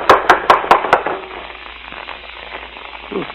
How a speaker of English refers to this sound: Well, come on. Don't rap too hard. It'll knock the door off its hinges.